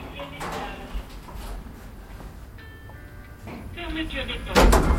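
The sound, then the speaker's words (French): Elevator doors creak as they slide shut, a thin squeaking whine followed by a heavier thud near the end, with faint background hum and a voice briefly present. “Les portes grincent en se refermant.”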